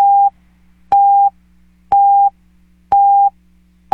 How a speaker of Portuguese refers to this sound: Atenção, emissoras de Belo Horizonte que retransmitem a propaganda eleitoral gratuita. Atenção para a contagem regressiva de 5 segundos.